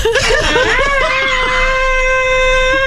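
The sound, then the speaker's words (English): A frog screams: a loud, piercing cry that warbles and wavers at first, then settles into a long, steady, high-pitched wail held until the end, with no talking. “You know, he does something like that, you know, it'll be a lot less annoying, but that's all he does is just the scream.”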